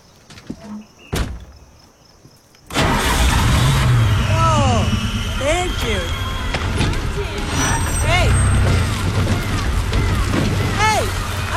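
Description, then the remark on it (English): A few soft clicks in near silence, then a car engine, just repaired under the hood, suddenly catches and roars to life, running loud and steady with brief rising whines riding over the rumble. “Try the engine.”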